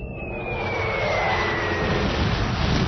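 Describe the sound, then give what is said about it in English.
A fleet of diplomatic spaceships from Proxima Centauri landing on Earth: a loud, steady jet-like engine roar fills the air while a thin high whine slowly glides downward in pitch, with no voices. “After nearly 2 years in space, a diplomatic fleet from Proxima Centauri has finally reached the planet Earth, bringing with them a message of peace and goodwill.”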